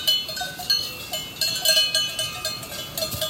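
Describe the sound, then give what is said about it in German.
Metallic cowbells of peacefully grazing cows clank and jingle near a high-tech firm in Oberliens, in an irregular, overlapping pattern, with bright ringing tones repeating throughout, fairly steady in loudness and with no talking. “Wenn man nach Oberliens kommt, würde kaum jemand es für möglich halten, dass es hier eine Hightech-Welt gibt, wo unweit der Firma die Kühe friedlich grasen.”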